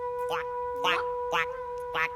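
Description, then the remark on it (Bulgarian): A frog croaks four times in short, raspy, evenly spaced bursts, clear, with a steady faint hum running underneath, in hot weather among scrubby bushes with no trees around. “Я? Жабка!”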